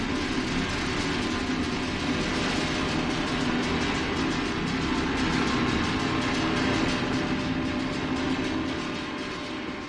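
A train rumbles past during a live concert recording, drowning it out: a loud, steady roar of wheels and rolling cars that fills the whole stretch, swelling slightly midway before easing off at the end. No voices.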